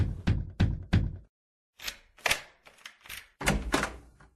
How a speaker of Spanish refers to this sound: Don Roque tocó la puerta.